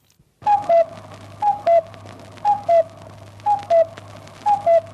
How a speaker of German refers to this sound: 21 Luftschutzräume gab es während des Zweiten Weltkriegs in Wien. Sie mussten aufgesucht werden, wenn dieses Signal im Volksempfänger erklang, der sogenannte Kuckuck.